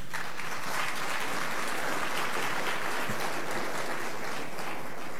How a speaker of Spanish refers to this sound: Escucharemos el mensaje central, la inauguración oficial de este programa, a cargo del señor César Manuel Quispe Luján, ministro de la producción. Fuertes palmas.